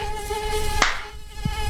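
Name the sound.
mosquitoes buzzing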